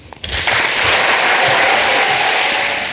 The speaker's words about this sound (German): Ihr hört es, es gab tosenden Applaus für diesen Text.